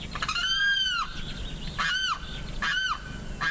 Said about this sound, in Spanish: Este sonido corresponde al canto del carrao y hace parte del proyecto A Ritmo de Pájaros de la Fundación Corocoras.